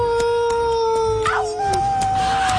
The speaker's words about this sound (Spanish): El sol cayendo a plomo, un calorón. Los coyotes aullando a lo lejos.